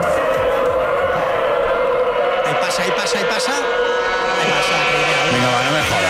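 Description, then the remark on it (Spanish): Racing traineras (rowing boats) in a free training session at Euskarrín surge through the sea with a loud, continuous, engine-like rushing roar of oars against water and hulls sliding over the sea, while a voice speaks briefly over it. “Eso son, no son motores. No, me eso. Dijeron, no, pero que no, que es el roce. Remo contra agua, casco contra deslizándose contra el mar.”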